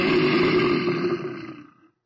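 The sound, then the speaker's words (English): A single loud animal roar, deep and rumbling like a big cat, in a station jingle for country rock station KGRR Roar Radio, holding steady for over a second before trailing off into silence, with no voices. “And we'll get back to another long block of country rock from KGRR, Roar Radio.”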